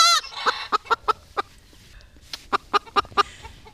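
A hen clucks close by in a series of short, sharp calls, bunched in two quick rhythmic runs with a brief pause between them, with no one talking.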